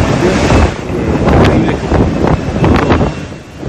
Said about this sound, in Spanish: alerta naranja en la costa atlántica por el niño, por los fuertes vientos del Monte Hermoso. El mar golpeó con fuerza en la costanera y hay varias calles anegadas e inundadas. Vamos a escuchar un poquito la fuerza del viento, del agua.